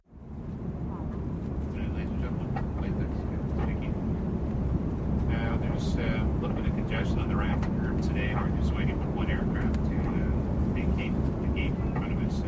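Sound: airplane cabin ambience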